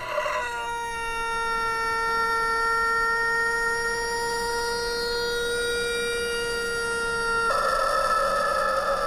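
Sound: chickens and rooster crowing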